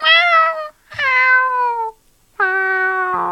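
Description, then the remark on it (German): A kitten meows three times, long, high-pitched cries that each slide slightly downward in pitch, separated by brief pauses of silence. No one speaks. “Das ist bestimmt eine süße Babykatze, oder?”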